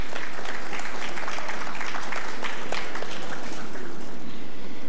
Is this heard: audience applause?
yes